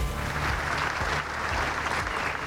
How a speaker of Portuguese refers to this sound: António José Seguro chegou a pé para encerrar as comemorações do Dia de Portugal. Foi recebido com um longo aplauso das centenas de pessoas que foram até ao pátio da Alfândega para o arriar da bandeira.